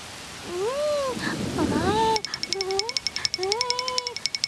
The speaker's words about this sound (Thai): อ๊ะโอ้ไม่ทันซะแล้วฝนตกลงมาซะแล้วล่ะฟาฟา ฮะฝนตก เป็นยังไงบ้างฟาฟาตัวเปียกไหมจ๊ะ